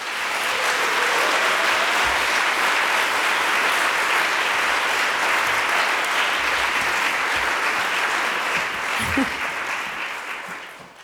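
A concert audience applauds a musical partner steadily for about eleven seconds, a dense, even wash of clapping hands that holds its strength throughout and only begins to thin at the very end.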